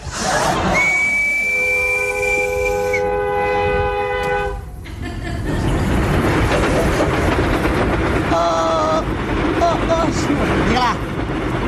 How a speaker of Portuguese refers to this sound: Onde é que vai aquele comboio? Aquele comboio vai para Coimbra.